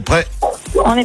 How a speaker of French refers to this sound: Vu son aboiement, ça peut être un chihuahua.